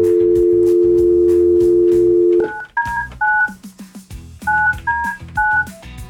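telephone dialing tones

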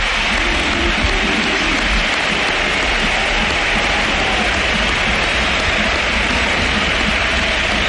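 stadium crowd standing ovation

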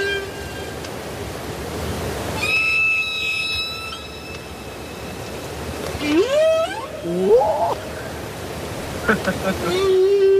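whale vocalization

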